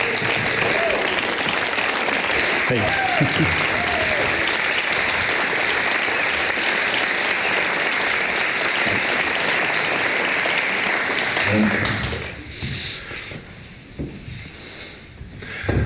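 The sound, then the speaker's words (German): A crowd claps and cheers loudly and steadily for about twelve seconds to welcome a guest, with a few shouts rising above the applause, before it fades out and a voice speaks briefly. “mit einem antiautoritären Jubel hier willkommen zu heißen.”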